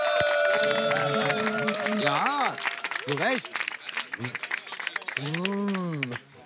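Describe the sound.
Steady audience applause with dense clapping runs throughout, while voices call out over it, including some loud, rising and falling exclamations.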